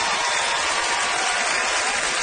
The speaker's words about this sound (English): Listen to that crowd for the hometown, boys! Woo!